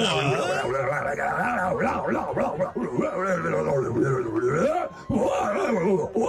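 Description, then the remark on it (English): A human voice imitates a howl at the full moon on a full-moon night, a loud, continuous wailing cry that slides up and down in pitch for about six seconds, briefly breaking off near the end before resuming. “Can you hear a little full moon howl?”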